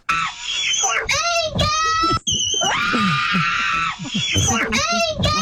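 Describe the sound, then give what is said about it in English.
A woman screams repeatedly in long, high-pitched, wavering wails, loud, with brief breaths between bursts and one sustained shriek in the middle. “I think it's just women have a certain pitch they reach when they scream.”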